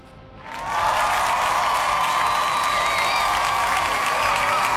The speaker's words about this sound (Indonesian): Kita kasih tepuk tangan nih.